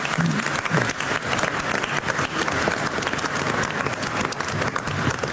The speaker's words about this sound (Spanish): Un aplauso a la Virgencita María.